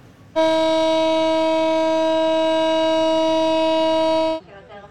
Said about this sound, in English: A siren sounded for 1 minute in Tel Aviv today, marking the third anniversary of the Hamas terror attacks.